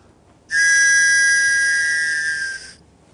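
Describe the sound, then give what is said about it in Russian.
A single loud, steady whistle blast held for about two seconds on one exhaled breath, starting abruptly and tapering slightly at the end, with no talking. “Нужен свисток, возьмите, наберите воздуха.”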